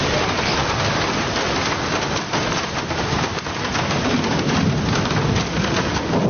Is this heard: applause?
no